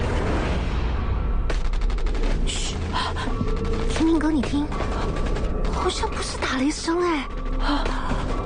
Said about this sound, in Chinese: 你听，好像不是打雷声哎，有人开枪。 好像是你家那边传过来的耶